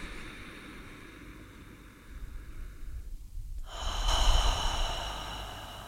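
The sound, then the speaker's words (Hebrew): Slow, deep breathing during a guided heart-focused meditation, a soft drawn-in breath swelling into a fuller, louder airy exhale, with no talking. “אז כמה נשימות לשם?”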